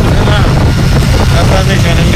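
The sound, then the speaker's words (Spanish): Loud, steady wind roar buffets the microphone over a low engine rumble, recorded while riding a motorcycle wearing a helmet with a visor, with a muffled voice faintly speaking beneath the noise. “Va en moto, va en casco, va con su visera y tal, y por eso se escucha de esta forma.”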